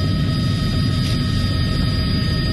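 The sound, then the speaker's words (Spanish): A steady, loud mechanical roar from a military helicopter overhead dropping leaflets resembling $100 bills over Guayaquil, with deep rumbling low end and a constant engine whine that stays level throughout, with no voices. “Billetes de $100 caían desde un helicóptero militar sobre varios sectores del norte, centro y sur de Guayaquil.”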